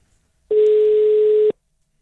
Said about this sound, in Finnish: Lähteekö hälyttämään? Lähtee se hälyttämään sen puhelin, kun soittaa.